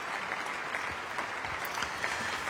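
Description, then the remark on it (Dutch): Dense, sustained applause with bravo shouts from a large concert audience after Pēteris Vasks' second cello concerto, Presence, played by cellist Maja Bogdanović and the Stift Festival Orchestra under David Cohen in the Plechelmus Basilica, Oldenzaal, at the Stift Festival; a steady roar of many hands, faded out. “En dit bravo geroep en applaus, het ging nog minutenlang door in de Plegelmusbasiliek in Oldenzaal, op het Stift Festival.”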